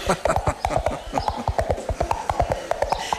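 Two coconut halves clopped together in a quick, steady galloping rhythm, a classic radio-drama and theatre sound effect imitating a horse's hooves: hollow knocks repeating throughout with no one talking.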